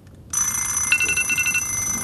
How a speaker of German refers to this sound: Da klingelten die Wecker der anderen Jungs.